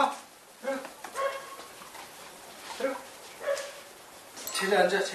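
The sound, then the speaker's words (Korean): Six dogs bark in short, repeated bursts at night in a rural village, with a few higher yips mixed in and a louder flurry of barking at the end. “또 짖기 시작하는 녀석들.”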